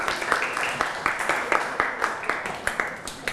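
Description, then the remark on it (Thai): A class bursts into steady applause for student groups 2 and 3 in a classroom, many hands clapping in a dense, fairly loud patter with regular sharp claps standing out, and no talking over it. “เก่งมากๆเลยขอเสียงปรบมือให้กลุ่มที่2และกลุ่มที่3อีกครั้งนึงครับ”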